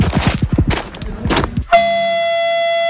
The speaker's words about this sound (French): On peut faire un petit coup de klaxon juste avant de partir? Bien sûr.